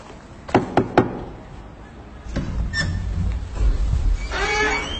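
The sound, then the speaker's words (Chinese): Three quick, sharp knocks on the door of the neighbour's home across the way, fairly loud, followed by a few seconds of softer shuffling and indistinct movement noises. “嗨，我去敲门问问不就知道了吗？”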